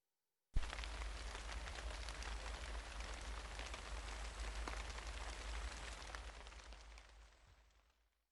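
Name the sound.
light rain falling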